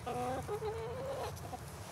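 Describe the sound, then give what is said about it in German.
Hens cluck and squawk in a few drawn-out, nasal calls over a steady barnyard hum, moderately loud, with no one speaking. “Zum ersten Mal haben die Hennen Platz zum Laufen.”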